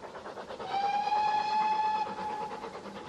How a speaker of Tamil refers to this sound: வண்டி முழுக்க ஏக கூச்சல் களேபரம். தடக் தடக் தடக் தடக் தடக் தடக். இது வண்டி.